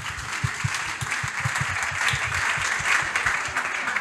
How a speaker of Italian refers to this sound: E grazie, ancora un applauso